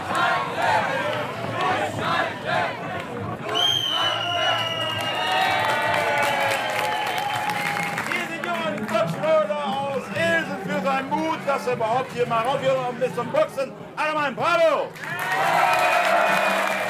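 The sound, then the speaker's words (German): A lively fairground crowd at a boxing booth cheers and shouts with scattered applause for a boxer, many voices rising and overlapping in continuous excited bursts, fairly loud, with a loudspeaker voice cutting through at times. “Alle mal ein Bravo! Bravo für unser David Brooks, der sich richtig durchgezogen hat.”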